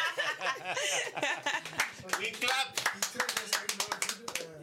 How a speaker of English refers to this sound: We clap.